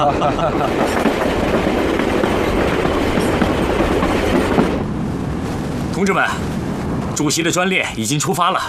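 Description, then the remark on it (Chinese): A steam train, the Chairman's special train that has just departed, rumbles loudly along the railway tracks with a dense, steady clatter. The noise thins partway through, and voices come in faintly over the remaining train sound. “同志们，主席的专列已经出发了，请立刻通知苏联外交部。”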